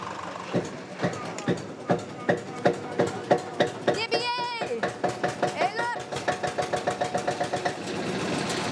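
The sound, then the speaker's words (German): An old Deutz tractor diesel, jump-started from a car battery, cranks and sputters to life, then settles into a steady, rhythmic chugging idle, with a brief high whine partway through and a voice heard faintly; it is to mow grass for horses. “Wird auch Zeit jetzt, denn der alte Deutz soll heute noch das Gras für die Pferde mähen.”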